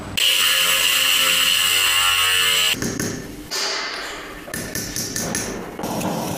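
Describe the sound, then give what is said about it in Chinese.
Fine grinding on cracked old porcelain being repaired in a craft workshop in the Lanzhou New Area incubation building: a steady, high-pitched whine from a small grinding tool runs for a few seconds, then breaks into crisp scraping, light clicks and short intermittent bursts. “细碎的打磨声清脆悦耳，回荡在兰州新区孵化大厦创业工坊内。”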